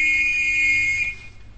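A whistle blows one sustained, steady high note for about a second, shrill and loud, then stops abruptly, leaving only a low background rumble.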